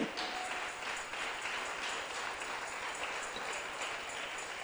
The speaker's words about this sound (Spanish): Fuerte ese aplauso al Rey.